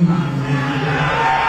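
A large stadium crowd roars steadily during the national anthem, cheering as things such as a flag or someone in the crowd are shown on screen. The cheering blends over sustained sung notes from the anthem, loud and unbroken throughout the brief moment.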